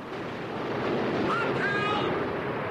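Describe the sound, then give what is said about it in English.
Heavy sea spray blasts a ship from the rear and crashes down onto the men on deck in a loud, continuous roaring rush of water and wind, with a brief faint cry rising partway through. “Another colossal jet of spray blasts the ship from the rear. Water thunders down onto the men on deck”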